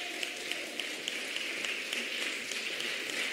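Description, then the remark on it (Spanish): A crowd claps steadily, a dense, even patter of many hands that holds at a constant level for the whole stretch, with a few sharper claps standing out and no voices. “Usted canta eso, usted aquí lo siente, salta, alaba, aplaude, usted se regocija, porque es una verdad que vivo.”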